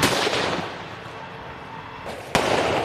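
A vehicle explosion: a dense, roaring crackle of blast noise fills the scene, then a sharp, loud bang cuts through near the end. No one speaks.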